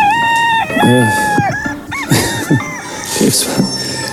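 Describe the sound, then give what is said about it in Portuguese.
A rooster crows loudly, a long, strained cry followed by a few shorter, wavering calls, with no talking. “Está o galo a cantar.”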